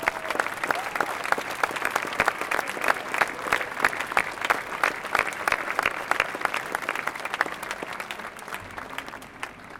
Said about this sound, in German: Diesen Einsatzkräften gilt mein und unser aller Dank. Sie haben sich jetzt einen riesen Beifall redlich verdient.